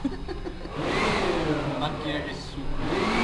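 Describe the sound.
A suction machine whirs with a steady motor drone that swells after a brief quieter start and keeps running, with voices talking faintly underneath.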